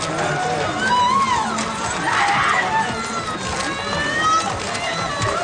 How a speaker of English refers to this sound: You heard that huge scream. Diana, we love you. It cut right through all of us.